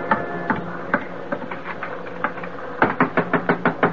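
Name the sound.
knocking on a door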